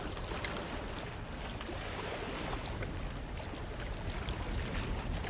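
Steady rushing and lapping of water around a small engineless dugout fishing canoe built from a tree trunk, moving on coastal water, a continuous wash of splashes with no voices.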